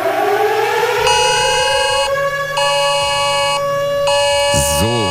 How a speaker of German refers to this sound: Heute geht es wieder los. Die Warn-Apps und Cell-Broadcast auf euren Smartphones schlagen Alarm. Und auch die Sirenen in Köln werden heulen.